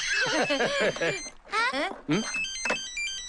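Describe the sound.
A mobile phone rings with a steady electronic tone, partly under overlapping voices talking and laughing; the call is from the municipal Party secretary during the Spring Festival holiday.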